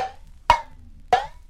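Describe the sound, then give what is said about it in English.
Two sharp metallic taps on an empty tin can, about half a second apart, each giving a brief bright ring that fades quickly; clear, with no talking. “Number 5 was an empty tin can.”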